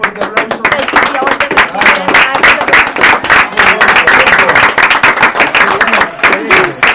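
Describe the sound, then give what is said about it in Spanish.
Loud, dense audience applause fills the whole stretch, a steady wash of many hands clapping, with a few voices faintly mixed in among the claps. “Bueno, en estos espectaculares, nos despedimos con un fuerte aplauso.”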